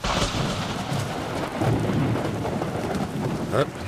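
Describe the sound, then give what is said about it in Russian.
Steady, heavy rain hisses throughout while deep thunder rumbles and rolls underneath, swelling at moments. A full storm with no voices. “Давно такой грозы не было.”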